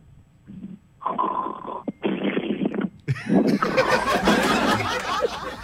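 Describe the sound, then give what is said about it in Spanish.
A child imitates a sloth snoring in an animal-sounds game, a few breathy, drawn-out vocal rasps, ending in a longer, louder burst of exaggerated snorting mixed with giggly sounds. “Cuando ronca el oso perezoso, ¡vamos! ¡El oso perezoso!”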